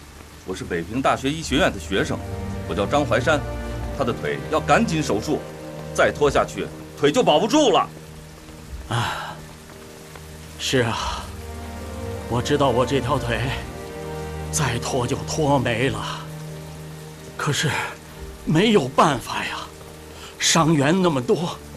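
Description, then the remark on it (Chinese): Steady rain patters down as a constant hiss beneath several people talking in short, urgent bursts as a troop unit passes, the downpour continuing through the pauses between their voices. “快上！下雨了，腿走啊！”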